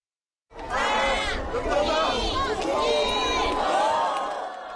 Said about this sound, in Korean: 누리호가 우주로 향하는 모습이 보이는 고흥 우주발사전망대에는 이른 아침부터 인파가 몰렸습니다. 누리호 성공 발사에 대한 기대감과 염원은 환호와 함성으로 바뀌었습니다.